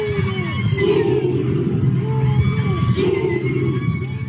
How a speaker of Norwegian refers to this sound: En stor gruppe menn har kledd seg i tradisjonelle Zulu-klede, svarte bukser, bar overkropp og et hovedplagg i leopardmønster. De roper kamprop og ser ut som de skal i krigen.